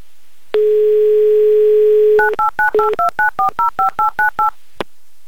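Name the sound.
telephone number being dialed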